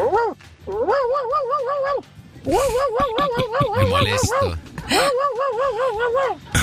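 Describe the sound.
A caller from Banfield imitates their cat Anita with four drawn-out, wavering meows in a row, loud, separated by short pauses, with some background noise under the middle calls.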